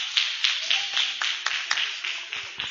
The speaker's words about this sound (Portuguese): com palmas e glórias para Jesus.